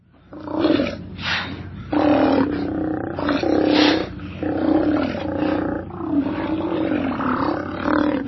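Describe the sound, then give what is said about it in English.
Deep, growling roars of Steller sea lions, large marine mammals of the northern Pacific Ocean, several overlapping calls in a continuous, loud chorus that rises and falls for several seconds, with no talking. “Their deep, growling calls echo from their rookeries and haul-out areas up and down the Pacific coast.”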